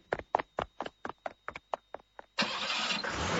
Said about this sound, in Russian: Когда машина тронулась